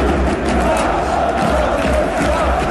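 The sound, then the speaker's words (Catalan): A large stadium crowd chants for independence at minute 17:14 in a loud, sustained roar, many voices blending into a steady rhythmic shout with no break. “Van tornar i van tornar també els crits d'independència al minut 17:14.”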